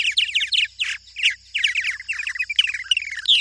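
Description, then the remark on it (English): Purple martin calls: a busy stream of chirps, gurgles and warbling notes, several birds calling over one another in rapid bursts with brief pauses, bright and fairly loud, with no talking. “Using Project Nestwatch data, the researchers found that for many species, including these purple martins, cold snaps and heat waves make them less successful in raising their young.”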